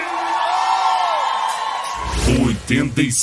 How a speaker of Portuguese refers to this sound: dá um grito aí!